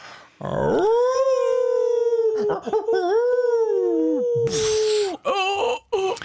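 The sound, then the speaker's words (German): People imitate a wolf's howl as a homemade sound effect during a radio broadcast, with long, loud, wavering vocal howls, voices rising and falling and briefly overlapping, with a short breathy burst near the end. “Achtung, wir machen nämlich hier unsere Effekte noch selber.”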